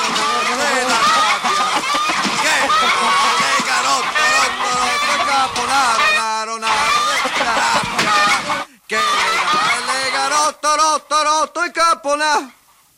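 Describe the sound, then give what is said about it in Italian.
A person imitates a rooster crowing, loud, with strained, wavering calls running almost continuously, then a brief pause and a string of short, choppy squawks at the end. “Le galline tutte matte per far il gallo.”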